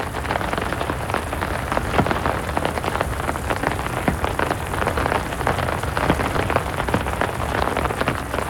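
Heavy raindrops pour down in a garden in a steady, dense patter, with countless sharp drops hitting a surface at once, forming a loud continuous roar with no voices.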